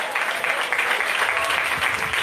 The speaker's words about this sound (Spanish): Denle un fuerte aplauso al Señor en esta tarde.